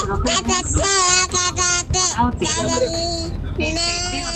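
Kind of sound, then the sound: human body sound, baby babbling and crying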